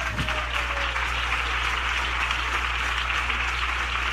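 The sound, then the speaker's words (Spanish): A church audience claps for Christ Jesus at a preacher's call, a steady, dense, even wash of many hands at a constant loud level, with a low hum underneath and no voices. “¿Puede darle palmas a Cristo Jesús?”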